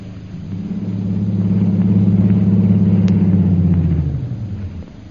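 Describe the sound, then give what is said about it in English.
An airplane engine warming up at an airport in Mandalay before a long flight to Upper Burma: a loud, steady low droning hum that swells slightly, holds, then dips away toward the end, with no voices. “As her plane is being warmed up for its long flight to Upper Burma, Myra Trent enters the airport.”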